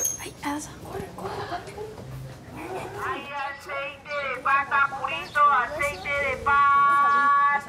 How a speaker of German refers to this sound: Er ruft Gelatine aus Hühnerpfoten, Gelatine aus Hühnerpfoten. Ja, das ist sozusagen Pudding, so Gelatine von den Füßen von Hühnern.